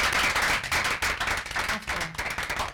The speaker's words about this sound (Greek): Και θέλω ένα χειροκρότημα στο δάσκαλο.